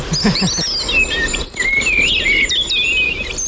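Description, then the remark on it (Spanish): A common blackbird sings a continuous run of clear, fluty whistled phrases outdoors, rising and falling in pitch over a soft rustling background, with no one talking. “Mirlo común.”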